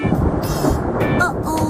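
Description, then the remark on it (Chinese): A steady, loud, low rumble of thunder rolls on without a break as a storm approaches, a heavy sustained roar with no clear peaks, heard on its own with no voices. “看来暴风雨就快要来了。”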